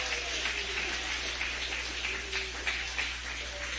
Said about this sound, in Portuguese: Pode bater palmas e dar glórias ao nome do Senhor.